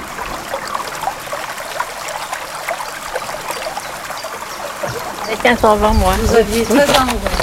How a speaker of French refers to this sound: C'était un bel après-midi, il faisait un grand soleil. Nous avions sorti une table près de la rivière et on entendait l'eau du canal qui s'y jetait, ainsi que les oiseaux.